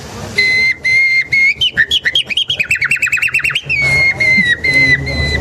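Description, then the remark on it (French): Someone whistles an imitation of nightingale song: sustained pure notes, then a fast run of sharp rising chirps, then long steady tones again, with no talking. “Ce que Darwin aussi va découvrir, en fait, c'est que, avec les temps longs, les organes vocaux des oiseaux vont évoluer jusqu'à l'oiseau le plus évolué, le rossignol.”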